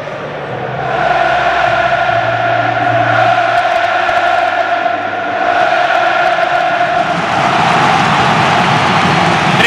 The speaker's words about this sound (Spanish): Ahí el rojo y el amarillo, es espectacular lo de la cartuja, sonido ambiente del estadio del Real Betis Balompié de Sevilla.